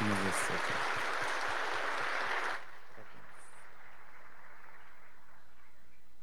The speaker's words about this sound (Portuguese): Uma salva de palmas para os casais.